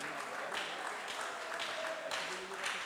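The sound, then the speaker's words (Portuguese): A church audience claps their hands in a steady, dense wash of applause for a few seconds, joyfully welcoming a woman who will sing praise to Jesus, with faint voices mixed in beneath it. “Vamos recebê-la com as palmas bem alegres para o Rei Jesus.”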